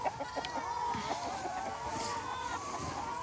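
A dense chorus of many chickens clucking and squawking at once in a henhouse holding a flock of about 1000 hens, a steady crowded flock sound with no pauses.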